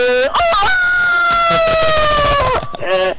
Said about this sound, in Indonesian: Itu yang tadi udah ayam jago ya.